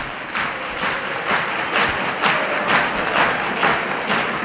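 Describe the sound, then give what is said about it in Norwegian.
A large stadium crowd at Aker Stadion stands and applauds in the last added minute of a Molde football match, with Molde leading 2-0. Dense clapping with rhythmic surges of louder claps about every half second, a broad crowd roar underneath and no clear speech. “Og står og klapper, og det bra.”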